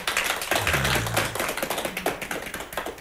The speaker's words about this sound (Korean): 자, 우리요 송사님 위해서요 박수 한번 칩시다요.